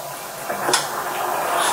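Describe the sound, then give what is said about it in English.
A man opens his door to a sheriff's deputy in Okaloosa County, Florida: a sharp latch click partway through, then a steady hiss-like scraping of the door moving, with no voices. “It took seconds for a Black man to open his door and for a deputy to fire.”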